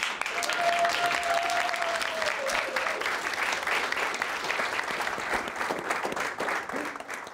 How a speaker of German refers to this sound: Einen großen Applaus!